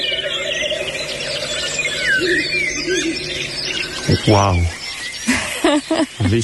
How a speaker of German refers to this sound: Da hört man einen Habichtskauz und die Reporter und Reporterinnen sind ja ganz entzückt, ne? Ja. Dass man den jetzt mit dem Mikrofon erwischt hat.